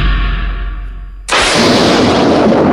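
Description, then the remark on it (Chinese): A low rumble gives way to a sudden, massive explosion of a large amount of buried dynamite, set off when Hei Xiaohu steps on the explosives he buried himself; a loud blast roars on as sustained debris-filled noise through the end, with no voices. “黑小虎疯狂追赶，不慎踩到自己埋下的炸药，引发大爆炸，终于自食恶果。”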